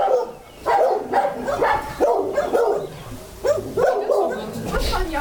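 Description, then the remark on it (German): Several dogs bark and yip over one another in a continuous, overlapping chorus, fairly loud, with some whimpering mixed in and a bit of voice beneath; the dogs are in outdoor kennel runs in a backyard. “Da könnte es jetzt gleich ein bisschen laut werden, wenn die Hunde alle anfangen zu bellen.”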